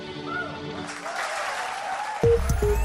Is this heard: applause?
yes